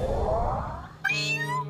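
Cats meowing: a long, drawn-out meow followed by a sharper, brighter one, both clear and fairly loud with no talking.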